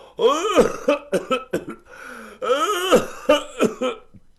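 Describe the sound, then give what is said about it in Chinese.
A storyteller's male voice acts out a bout of coughing: two long, strained, rasping coughs, each followed by a few short, sharp hacks, loud, with no other talk, depicting a man coughing as he walks out to answer a call at the door. “刚喊了一声，就听见脚步声音，有人咳嗽着走出来。”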